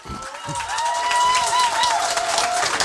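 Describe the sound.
An audience in a Czech Radio studio space applauds steadily for a few seconds to welcome a guest, a dense patter of many hands clapping that swells and holds fairly loud, with faint voices and tones mixed in beneath.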